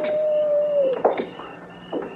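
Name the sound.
coyotes howling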